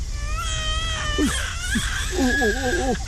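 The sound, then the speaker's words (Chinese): A hungry baby cries in drawn-out, high-pitched wails, the first held steady and the later ones wobbling up and down, over a low rumbling background with no speech. “哎呦，吓着你了，宝贝儿，是不是？哎呦，宝贝儿是饿了。”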